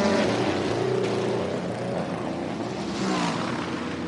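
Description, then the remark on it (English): A Cadillac race car engine roars loudly and continuously as the car leaves the pits, a dense mechanical drone with a steady pitch that dips slightly partway through. No one is speaking. “And off and away, the Cadillac roars.”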